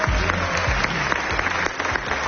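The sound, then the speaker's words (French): A crowd applauds steadily for Cyril Lacarrière, dense overlapping claps at a fairly loud level with no break, like an audience welcoming someone on stage. “Un tonnerre d'applaudissements pour Cyril Lacarrière.”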